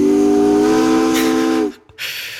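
A loud, steady steamship whistle blasts on one low, harmonically rich pitch for nearly two seconds, then cuts off abruptly, leaving a breathy hiss of escaping steam.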